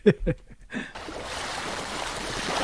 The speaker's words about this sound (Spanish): Olas. Muy bien, correcto. Olas, el mar.